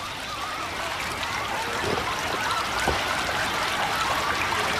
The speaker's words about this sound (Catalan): Ja hem arribat al riu. Correu a beure aigua.